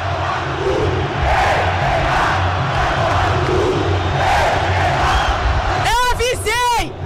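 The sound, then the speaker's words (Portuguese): A huge stadium crowd of Galo football fans chants together a message aimed at a player in a loud, sustained roar, with a few sharp, warbling shouts rising above the mass of voices near the end. “a torcida tem um recado para você.”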